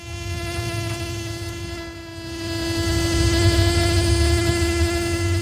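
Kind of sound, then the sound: insect, buzzing bee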